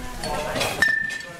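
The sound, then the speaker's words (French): A single bright clink of cutlery rings out in a kitchen near the middle, leaving a short metallic ring that fades quickly, over a faint murmur of voices and room noise. “Là les couverts ils sont là.”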